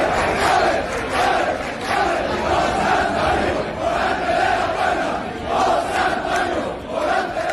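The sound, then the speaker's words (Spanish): A large crowd cheers and shouts without pause in the streets of Seville on Thursday night, after bullfighter Morante de la Puebla opened the Puerta del Príncipe for the third time. A loud, dense roar of many voices swells and dips in waves, with rising chant-like surges near the end. “Vamos a escuchar cómo sonaba Sevilla la noche del jueves.”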